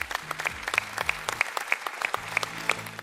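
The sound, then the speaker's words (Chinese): A television studio audience applauds to welcome a professor from Beijing University of Chinese Medicine. The clapping is dense and steady, bright and crackly, and holds for about three seconds, while a low sustained musical tone hums faintly underneath. “掌声欢迎他。”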